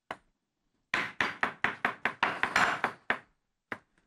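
A knife chops vegetables on a cutting board: about a dozen sharp, crisp thuds in a quick, steady rhythm, then a pause and a couple of final strikes, with no talking.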